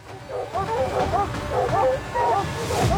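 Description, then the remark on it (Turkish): Several hunting dogs bark and yip excitedly in overlapping bursts, fairly loud, over a steady outdoor background with no clear pauses, as they hold a treed lynx, a big female, at bay. “Hey köpekler, sakin olun, tamam. Tanrım, sakin olun.”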